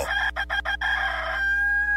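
A rooster crows loud, its call chopped into four quick stuttering bursts before stretching into one long, steady final note. No other sounds accompany it.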